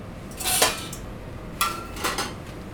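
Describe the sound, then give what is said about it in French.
A metal lid clatters against a sauté pan in a few sharp clanks, one leaving a brief ringing tone, over a low hum with no talking. “nous faudra un couvercle pour le sautoir, s'il te plaît”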